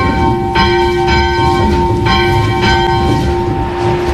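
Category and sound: signal or alarm, school bell being rung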